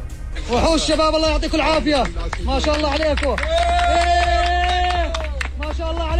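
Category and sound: crowd, applause and cheering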